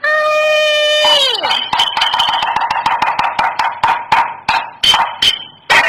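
A long, drawn-out vocal call slides downward as a mother calls for her daughter to open the door, then gives way to insistent knocking on the door: a rapid string of about twenty sharp raps in uneven bursts.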